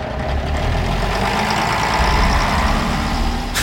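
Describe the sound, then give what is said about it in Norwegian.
A bus engine idles steadily, a continuous low diesel rumble with a faint rattling hum, holding an even loudness throughout before a brief sharp hiss right at the end. It is a replacement bus running instead of a train in Norway because of a signal fault. “Der ble buss for toglyd.”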